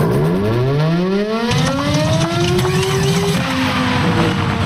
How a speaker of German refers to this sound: Mensch, kaum läuft die Sirene mal, gibt sie direkt den Geist auf.